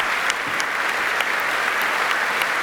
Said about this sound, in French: Elle semble prête, elle sourit et hop, en regardant tout le monde avec un grand sourire, direction l'entrée sur la scène. Vous l'entendez, elle est applaudie,